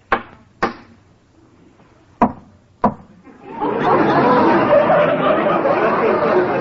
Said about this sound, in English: Well, if you don't mind, I'll smoke my pipe. What's a captain without a pipe? I'll just knock out some of this tobacco.